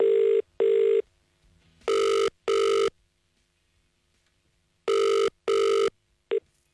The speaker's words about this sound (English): So it is time to ring our next caller. Let's hope they answer the phone correctly.